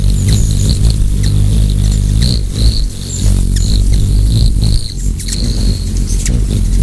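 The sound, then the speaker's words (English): Hummingbird wings beating over 200 times per second in a steady, loud low buzz that hums without pause, with brief high-pitched chirps and squeaks breaking through now and then. “They flap their wings at over 200 times per second, and even spin them in a circle, just like a helicopter.”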